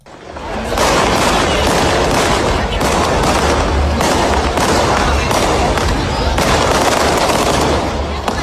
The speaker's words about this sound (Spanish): Cohetes para anunciar una fiesta marinera y también para seguir soñando.